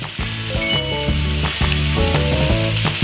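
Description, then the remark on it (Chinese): Guizhou fermented chili paste (zao lajiao) sizzles loudly and steadily as it goes into a hot oiled wok with ginger and smashed garlic, a base for cooking a fish, a dense continuous frying hiss, with a faint rhythmic musical backing underneath and no talking. “哇，这糟辣椒一下锅啊，这个酸味儿、辣味儿都出来了。”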